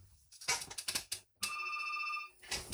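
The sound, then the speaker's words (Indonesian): A telephone rings once as the next caller joins a phone-in line, a bright, steady electronic trill lasting about a second, loud, preceded by a quick flurry of short clicking bursts and followed by more brief noise. “su gabung di line telepon berikutnya lagi.”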